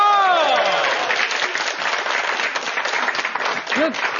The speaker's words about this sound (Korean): 해당되시는 분들 박수 한번 주세요!